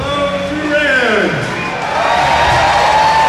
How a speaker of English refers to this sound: The crowd at the packed Choctaw Event Center erupted as Mazie took the stage ahead of President Donald Trump's arrival.